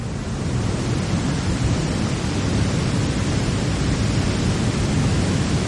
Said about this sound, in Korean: 이게이제제주도에서거의유일하게가장길고바다로곧장떨어지는그런폭포입니다